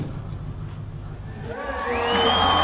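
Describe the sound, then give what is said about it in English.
Large crowd at a competition in a huge event center arena, a murmur that swells into louder cheering and high-pitched shouts and whistles, the roar building toward the end and echoing in the big space. “We enter the huge event center arena, and the crowd looks like they'd arrived from another planet.”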